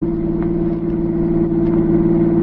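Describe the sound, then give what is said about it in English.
A car engine drones steadily at a low, even pitch while the car is driven across the French border, with a constant rumble and no voices over it. “Now drive across the border.”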